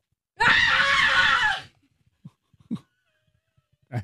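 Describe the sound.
A person lets out a loud, raw scream lasting over a second, strained and harsh, imitating a visceral cry, followed by a few quiet breaths and small sounds.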